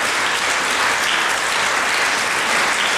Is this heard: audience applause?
yes